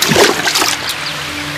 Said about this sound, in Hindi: सामने एक नदी थी, भर्थरी नदी में कूद पड़े।